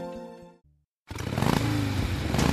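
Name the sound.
motorcycle engine revving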